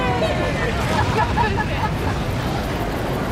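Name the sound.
spectators cheering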